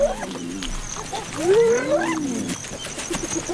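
Several spotted hyenas whine, yelp and call over one another while feeding, in rising, sliding cries, a noisy chorus of vocalizations, with one loud squealing whoop around the middle.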